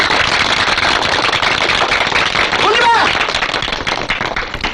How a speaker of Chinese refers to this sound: 我们谢谢师长。我提议大家鼓掌，大声给你鼓掌。